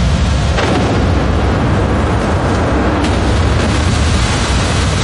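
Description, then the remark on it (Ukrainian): A big fire roars loudly and steadily at night as warehouses at logistics centres in Kolodino and Domodedovo, Moscow region, burn after a drone strike, a dense rumbling wash of sound broken by a couple of faint, sharp cracks, with no voices. “Короче, все сполихнуло, все.”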